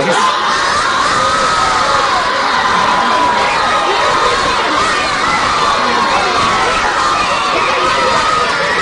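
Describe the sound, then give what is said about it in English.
A large audience of children cheers and shouts loudly and continuously, a dense wall of excited young voices with clapping mixed in, sustained without a break from start to finish. “I know you want to clap some more, but we got one problem.”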